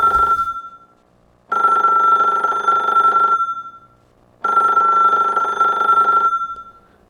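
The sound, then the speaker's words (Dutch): A telephone rings loudly in a radio studio: the tail of one ring, then two full, steady rings of about two seconds each, separated by short pauses, with no talking. “Oh, telefoon.”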